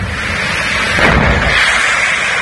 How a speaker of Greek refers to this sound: Ακούγονται εκρήξεις.